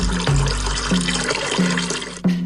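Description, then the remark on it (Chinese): Cooled, spiced brine is poured and splashes steadily over ducks laid in a wooden tub, one layer at a time. A continuous loud gush of liquid is broken by about four short, hollow low tones at regular intervals, with no voices. “放一层浇一层。”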